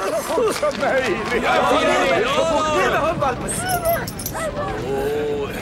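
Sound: puppy yipping and whimpering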